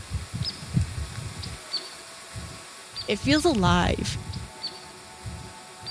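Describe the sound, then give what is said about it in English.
Faint, scattered bird chirps sound outdoors, thin and brief against low rumbling background noise, while a person speaks briefly partway through. “It feels like where we're standing right now is just singing. It's just singing. The birds are singing, the deer, the land, the colors.”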